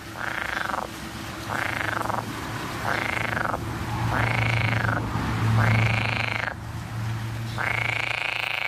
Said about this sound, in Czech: Žába. Žabička to je.